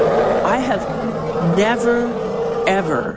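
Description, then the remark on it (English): A human voice imitates the roar of an elephant in musth: a sustained, wavering, groaning call with rising and falling pitch, fairly loud for about three seconds. “I didn't even know that elephants could make this sound.”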